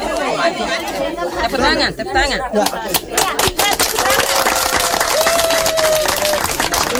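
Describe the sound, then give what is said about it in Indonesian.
A crowd chatters loudly while scattered hand claps break out and grow into irregular applause at a traditional customary-law wedding ceremony, marking the marriage as official. The sharp claps cut through the steady buzz of many voices talking at once. “Dan tepuk tangan sebagai tanda bahwa pernikahan mereka telah resmi dilakukan di hadapan hukum adat.”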